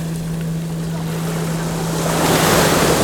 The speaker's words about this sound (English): Listening as the tide comes in, each time reaching out, pulling sand from beneath our feet to reveal rounded pebbles.